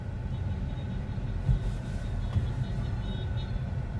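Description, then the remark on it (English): A steady low rumble of passing cars fills a busy, crowded neighborhood street lined with tall apartment towers, with continuous traffic noise and a couple of brief louder bumps, with no talking. “And everyone has a car now.”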